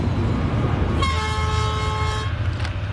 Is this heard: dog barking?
no